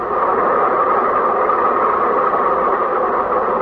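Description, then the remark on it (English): A train rumbles steadily past a railroad crossing, a loud, continuous mechanical roar that holds even throughout, with no voices, horn blasts or bells standing out. “The bus has to pass the railroad crossing, too, and the train is at the railroad crossing.”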